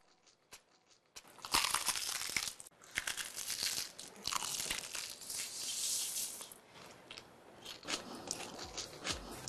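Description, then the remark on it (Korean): Loud crunching as someone bites into crispy fried chicken, with a rapid series of sharp crackles and chewing crunches lasting several seconds, no talking. “입혀 크런치하고 크리스피하다. 크크크 치킨 바삭함의 끝판왕.”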